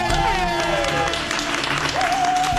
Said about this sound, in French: Et puis j'aimerais maintenant que vous fassiez un immense tonnerre d'applaudissements pour Monsieur Absurde, Monsieur Blaise Bersinguer.